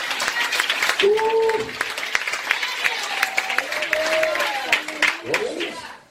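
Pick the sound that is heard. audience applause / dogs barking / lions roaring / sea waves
audience applause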